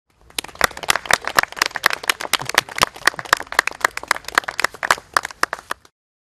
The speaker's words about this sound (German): Applaus.